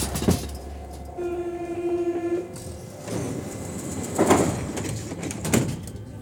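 Inside a crowded Paris metro train: a steady rumble with a brief rising electric whine, then two loud, sharp thuds as the sliding doors move, with no one talking.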